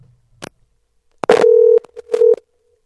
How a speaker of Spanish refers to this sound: Para que no me digas que no, te estoy llamando, ¿ya? A ver si coges el teléfono y me atiendes, pues. ¿Está bien? Ahí está llamando, ¿no? A ver.